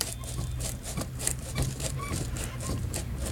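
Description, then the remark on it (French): A crank-wound phonograph motor built inside a machine and wound up like a phonograph runs steadily, giving a low mechanical hum with a quick, regular ticking rattle layered over it at even volume throughout. “Vous voyez, vous avez ici une manivelle. C'est un moteur de phonographe qui est dedans.”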